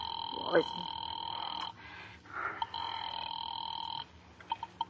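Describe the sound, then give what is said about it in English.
A telephone ring tone heard down the line while calling the police department, two long steady buzzing rings separated by a short pause, with a brief muffled vocal sound near the start and faint clicks at the end. “Ringing the police department.”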